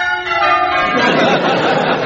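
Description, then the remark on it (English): Bells peal loudly and continuously, their sustained metallic tones layered and overlapping in a rich, ringing wash that grows fuller and more clangorous after the first second. “But just listen to those bells. Aren't they magnificent?”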